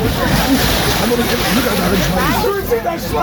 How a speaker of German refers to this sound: Das ist das Dreckschweinfeld hier in Alsdorf. Sehr schön, die machen sich gegenseitig nass. Springen ins Wasser, machen sich nass, haben jede Menge Spaß dabei.